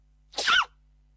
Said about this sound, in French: La sensation internet, l'adorable panda qui éternue.